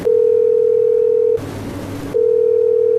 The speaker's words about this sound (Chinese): 嘿，不接电话啊？怎么不接电话？ 再试一次。 再试一次。